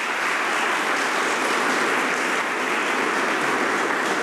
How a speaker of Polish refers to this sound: Wszyscy wiemy, ile pracy w to włożyłaś, także możecie klaskać naprawdę, bo wykonała wielką robotę.